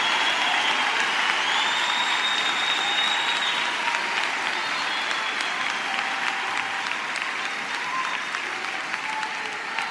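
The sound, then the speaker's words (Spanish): An audience applauds in answer to a call to applaud and praise God, a dense wash of many hands clapping at a constant loud level for the whole stretch, with faint high tones and scattered voices mixed underneath. “¿Alguien puede aplaudir?”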